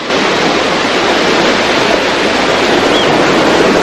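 Steady, loud roar of surf washing onto a beach, a continuous broad hiss of breaking waves with no pauses and no voices.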